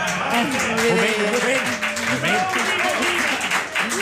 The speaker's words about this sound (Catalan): Un moment. Aquí, avui estem aplaudint, aquí.